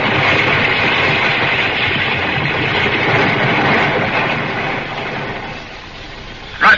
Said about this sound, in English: as they stepped out of the mouth of the cave, an avalanche thundered down on them. Hundreds of tons of snow and ice threatening burial and instant death.